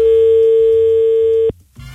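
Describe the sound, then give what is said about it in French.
A steady telephone ringing tone on a call put through live on air, one long unbroken note that cuts off abruptly, followed by a short quiet gap and faint line noise. “Ah non, écoutez, ça sonne.”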